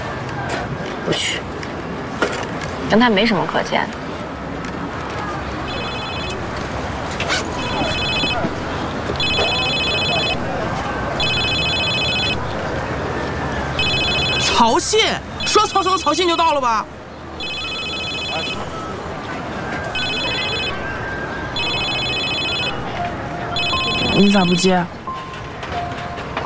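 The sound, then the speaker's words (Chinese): A mobile phone rings with an incoming call from Cao Xin, its electronic ringtone repeating in short, evenly spaced bursts for the whole stretch, over outdoor background noise and brief voices. “你咋不接？接了说啥？”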